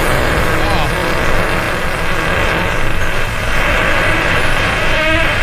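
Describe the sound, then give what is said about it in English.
A loud, drawn-out fart sound effect rumbles and rasps continuously for several seconds, a thick buzzing flutter that stays steady from start to finish, with faint voices briefly audible. “Yeah, here's a monster fart.”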